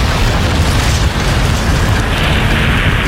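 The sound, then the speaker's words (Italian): A massive explosion as a locomotive, diverted onto a dead-end track, crashes in twisted iron, splintered wood and flames; a loud, dense, deep rumbling blast that churns steadily for a few seconds without fading, with no voices present. “Una esplosione di ferro contorto, legno spezzato e fiamme.”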